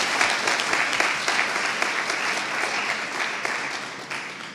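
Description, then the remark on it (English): A crowd claps steadily and enthusiastically, a dense, sustained wash of hand claps for several seconds with no voices rising above it. “So let's give them one more round of applause for the hard work before we get started.”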